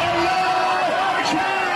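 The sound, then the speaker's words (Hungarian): A dense street crowd in Tehran, Iran, roars and cheers continuously, many voices shouting and whooping together in a steady, loud wash of sound, celebrating as missiles were launched toward Israel. “Teherán utcáin ünneplő tömeg éjjelzett, amikor kilőtték a zsidó állam felé tartó rakétákat.”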